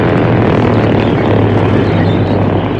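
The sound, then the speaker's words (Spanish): A light propeller plane's engine drones steadily and loudly throughout, a dense low hum with a buzzing harmonic tone, continuous with no voices. “Y a bordo de la avioneta, Rosco, sonriendo brutalmente, se asomaba por la ventanilla para ver los resultados de su ataque”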